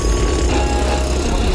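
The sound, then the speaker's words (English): Loud, dense noise of ongoing roadworks along an east-west corridor, with traffic piled up: a steady low rumble of heavy machinery with harsh clattering and hiss layered on top, continuous throughout, with no voices. “Ongoing roadworks along the east-west corridor cause traffic pileup for hours.”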